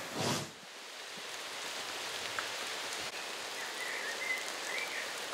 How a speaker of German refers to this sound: Fredenbeck, wieder mal Regen, die Linde hält. Unter Bäumen regnet es entweder keinmal oder zweimal. Bisher keinmal.